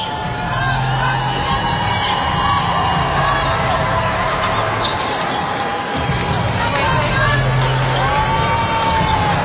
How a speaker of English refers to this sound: What a great crowd it sounds like it is in the really Hydro. They're just happy to be there, aren't they? Cheering absolutely everything that's going on for Doju.